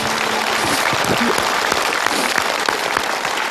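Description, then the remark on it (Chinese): A large audience claps steadily and continuously for a mother searching for her son, a dense wash of applause filling the whole stretch at a loud, even level, with no voices standing out. “我们观众用掌声为这位母亲鼓个掌吧。”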